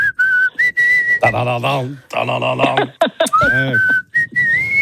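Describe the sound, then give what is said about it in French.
Someone whistles a tune for a listener to recognize, a clear sliding melody that keeps breaking off as a warbling voice cuts in between the whistled phrases. “Tiens, maintenant je vais te siffler un truc, on va voir si tu reconnais.”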